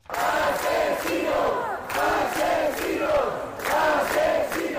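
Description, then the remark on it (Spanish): A large crowd of protesters shouts a chant of "asesinos" (murderers) in unison in front of the Congress, after marching there from their camp in Sol. They repeat the same rhythmic phrase about every one and a half seconds, loud and sustained, with brief dips between repetitions. “Con gritos de asesinos frente al Congreso”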